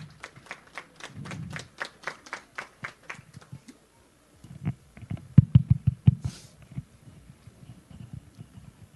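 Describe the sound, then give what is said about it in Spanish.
Audience applause at an educational institution's event, welcoming a teacher to speak: a steady run of fairly quick, evenly spaced claps, then a short pause and a looser, more scattered stretch of clapping over low background murmur. “vamos a recibirlo con fuertes aplausos al profesor”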